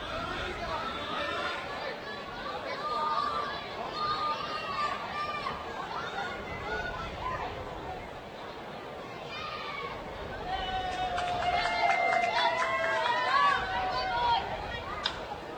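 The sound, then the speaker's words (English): A large crowd at a night baseball game murmurs and chatters steadily throughout, a dense wash of many voices that swells slightly louder near the end, with occasional higher calls cutting through. “Big crowd tonight with post-game fireworks still to come.”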